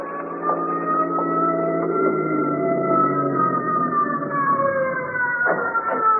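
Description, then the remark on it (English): A wailing ambulance siren sounds continuously, its pitch sweeping slowly and steadily loud throughout, as the ambulance approaches the emergency room door of Metropolitan Hospital, with no voices present. “I walked outside the emergency room door to await the ambulance. As I heard it approach”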